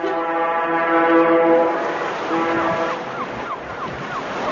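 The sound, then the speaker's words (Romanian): A ship's siren horn blows a long, steady, buzzy tone, pauses briefly, then sounds again in shorter blasts that slide downward in pitch, over a constant rush of wind and surf. “Sirena șuiera de zor.”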